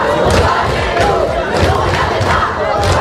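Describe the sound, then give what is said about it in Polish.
A large crowd of protesting high school and university students in France, demanding a bigger education budget, shouts and chants in a dense, continuous roar, with repeated rhythmic surges of many voices yelling together, loud throughout. “Nasiliły się protesty licealistów i studentów, którzy żądają zwiększenia budżetu na edukację.”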